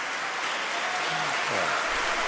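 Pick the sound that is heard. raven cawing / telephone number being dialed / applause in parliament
applause in parliament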